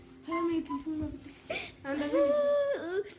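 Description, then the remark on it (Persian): A person in Afghanistan cries over being denied education, with shaky, wavering sobs and a sharp breath drawn in midway, then a longer strained wail that drops off at the end. “با گریه میکنی؟”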